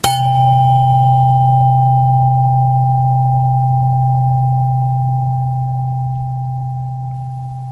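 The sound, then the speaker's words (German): A tuning fork rings out a steady, low pure tone, a C, struck once and sustained for several seconds while slowly fading, with a faint higher overtone above it and no voices. “Dieser Ton war der Ton C mit einer Frequenz von 128 Hertz.”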